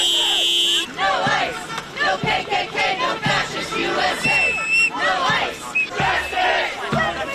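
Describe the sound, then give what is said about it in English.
A large crowd at a demonstration in Maine against the fatal shooting of a Colombian man by ICE agents chants "No KKK, no fascist USA!" in loud, rhythmic bursts of many voices shouting together, after a brief steady electronic tone at the start; a high whistle-like tone cuts through midway. “There have been demonstrations in Maine in protest against the fatal shooting of a Colombian man by ICE agents in the state.”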